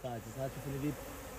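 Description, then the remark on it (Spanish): Beekeepers' bees in a mangrove forest buzz in a steady, droning hum with wavering pitch, several insects overlapping for a second before the sound thins out against a faint background hiss. “Pero cualquiera que venga aquí e intente explotar estos manglares de forma ilegal, por ejemplo, talándolos, acabaría siendo picado y ahuyentado por las abejas.”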